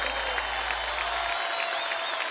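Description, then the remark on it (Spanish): A steady wash of crowd applause at Cosquín fills the space, dense and sustained, with a faint cheering quality blended in, without any talking over it. “Más fuerte el aplauso”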